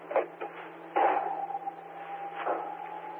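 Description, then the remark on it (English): Someone tries and fails to open a locked door: a few clunky rattles and clicks of the handle, then a steady electronic beep drones on over a low hum as another thud sounds. “Yeah, whoever's just tried and failed to access a door, you've got an open mic.”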